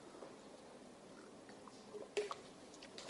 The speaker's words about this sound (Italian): Sì, mi prendo un po' d'acqua, grazie.